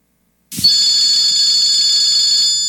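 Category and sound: signal or alarm, telephone ringing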